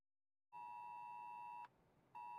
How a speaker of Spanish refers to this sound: Este sonido puede salvar vidas. Cuando llega el móvil, hay que seguir inmediatamente las instrucciones de los servicios de emergencia.